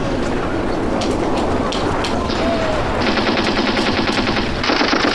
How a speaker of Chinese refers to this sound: 放鞭炮了吗？ 什么鞭炮？